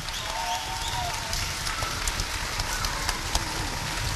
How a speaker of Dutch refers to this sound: En ik geloof, ja, applaus. Applaus. Ja. En het mag best langer, want het is gewoon geweldig.